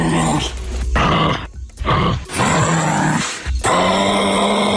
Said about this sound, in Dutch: Ja, het klinkt een beetje als een gemuteerde kangaroo dan wellicht, hè? Ja, misschien is het geen kangaroo dan. Ik weet het niet. Nee. Of een hele zieke. Ja, nou, het is dus wel een kangaroo.